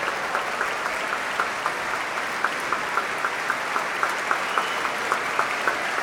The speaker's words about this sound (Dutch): Applaus ook voor de klarinetisten